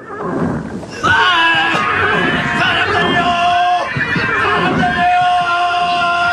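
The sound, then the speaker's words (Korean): Loud, chaotic battle noise as a charging force of 900 chariots plunges into a mud pit: horses whinny shrilly as they struggle to rise, over a mass of soldiers pinned under overturned chariots screaming and shouting, a dense, continuous uproar with overlapping cries. “돌격해오던 900대 마차 부대는 그대로 진흙구덩이에 처박히면서 울부짖음과 비명이 한데에 오로집니다.”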